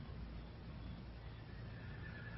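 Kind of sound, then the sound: animal, stallion neighing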